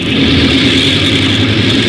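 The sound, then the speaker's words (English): A loud, steady engine drone with a deep rumble and a constant high whine as an airliner's four engines, two port and two starboard, run on the strip before takeoff, holding an unchanging pitch throughout with no voices. “Starboard engine 2. Airplane ready.”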